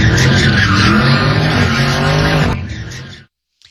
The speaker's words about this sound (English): Two people have been hit by a car. Happened during a street takeover in North Hills in the Valley. Both were seriously hurt last night. Video shows the car doing donuts.